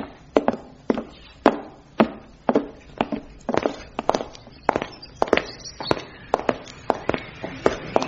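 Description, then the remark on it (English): Brisk footsteps of two people walking together into a back alley, a steady stream of sharp, hard-soled clicks, some overlapping, continuing evenly throughout with no one speaking. “Those footsteps you heard, they were ours crossing into the back alley.”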